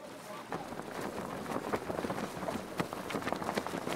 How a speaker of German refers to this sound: obwohl der Wind fast ein bisschen zu stark ist.